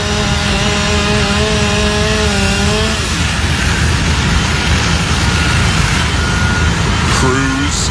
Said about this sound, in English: Sawing into the roof in that video from First Alert 6.